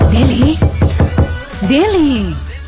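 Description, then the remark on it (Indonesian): A quick run of about six sharp knocks on a room door in a boarding-house complex late at night, evenly spaced, followed by a voice calling out with a rising and falling tone over a low steady hum. “Kau buka pintu dulu”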